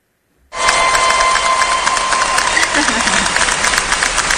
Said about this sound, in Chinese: 大家有听到了吗？好，这叫提前的欢呼声。